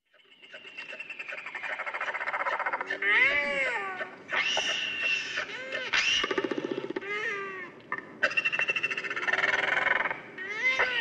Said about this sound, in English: From stratospheric horns to our bird of the day, the giant of the skies, one of the largest flying birds on Earth, it's the royal albatross, the tauroa.